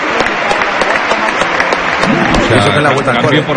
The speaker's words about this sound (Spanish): Sale Satriano, entra Mayoral, esta es la ovación del Coliseo. Todo el mundo en pie, ¿eh?